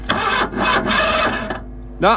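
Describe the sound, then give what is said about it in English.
A voice mimics a car engine cranking and failing to catch, about 2 miles from Ballineen: several strained, rhythmic churning bursts, fairly loud, a short pause, then one last rising sputter. “I'm stuck out here, about 2 miles from Ballineen, and I can't start the car.”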